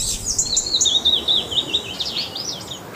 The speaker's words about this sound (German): Ja, der schönste Vogelgesang, die Amsel für uns Menschen.